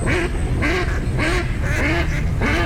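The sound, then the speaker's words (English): A duck quacks five times in a steady, evenly spaced rhythm, each call loud, with no voices present. “You hear that? Now that's music to my ears. Time to gear up for bird season.”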